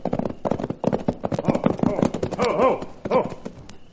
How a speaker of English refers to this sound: Then suddenly we heard the unmistakable sound of a horse racing toward us.